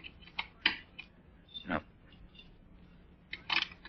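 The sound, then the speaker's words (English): Keys jingle and a lock clicks and rattles in short bursts as different keys are tried in a locked closet door. Several separate metallic clicks with pauses between them, no voices. “Locked. Well, that won't keep me out long. Not as long as I still have my keys with me. Try this one.”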